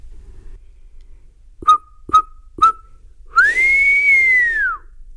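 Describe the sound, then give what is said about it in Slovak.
Three short, sharp whistle chirps in quick succession, followed by one long whistled note that rises slightly and then falls away, clear with no talking. “Ja len, ak by si náhodou zmenil názor, stačí zapískať.”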